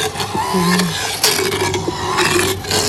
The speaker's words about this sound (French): le bruit de la fraise risque de ne pas vous plaire.